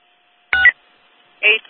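Two short electronic dispatch alert tones sound over a radio channel, one burst and then a second after a brief pause, each lasting a fraction of a second against faint background hiss.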